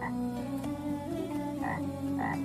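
A chorus of frogs in a creek croaks steadily, with repeated throaty calls over a dense, continuous background of other frogs, moderately loud, with no one speaking.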